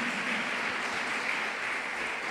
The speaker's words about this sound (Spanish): Y cuánto le damos ese fuerte aplauso a nuestro Rey celestial. Amén.